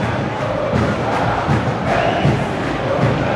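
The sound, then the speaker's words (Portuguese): A dense crowd of Flamengo fans chants the Libertadores song "Ô Lima" in unison at the Mineirão stadium, a loud sustained roar of many voices with a rhythmic, pulsing cadence and occasional low thuds underneath. “Torcedor do Mengo canta aqui, ó.”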